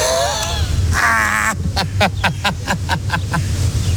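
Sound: birds cawing overhead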